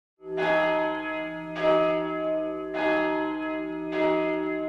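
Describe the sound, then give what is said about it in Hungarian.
Church bells ring out in a slow, steady rhythm, four strong strikes about a second apart, each ringing on with rich overtones that blend into a continuous sustained hum between strokes. “Harangszó.”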